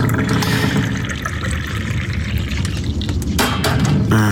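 Tea is poured steadily into a cup, a continuous liquid trickle with a rising fill tone, ending with a light clink of china near the end.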